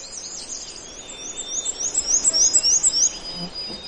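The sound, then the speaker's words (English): A black-and-white warbler sings a high, thin, squeaky weetsa song of about seven rapid repeated two-part notes in a steady rhythm, clear over a faint background hiss. “I do hear a black and white warbler, though.”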